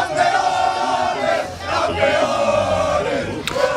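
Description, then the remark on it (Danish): A large crowd in Mataró, Spain, hometown of football star Lamine Yamal, roars and cheers continuously after Spain beat Argentina to become World Cup champions, a dense wash of shouting voices that swells and dips slightly, with a brief sharp whistle-like burst near the end. “Og så kunne jublen bryde ud i den spanske fodboldstjerne Lamin Yamals hjemby Mataro.”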